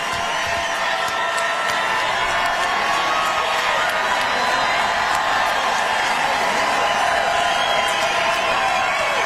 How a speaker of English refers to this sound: Okay, he's just standing there. The screen just says Texas behind him. Everyone's just cheering for Brandon and our state.